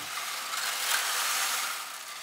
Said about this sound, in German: Da ist Kieselstein und das ist ja quasi wie eine Waschmaschine. Und wenn das sich umdreht, klingt das wie Regen unten in der Kirche.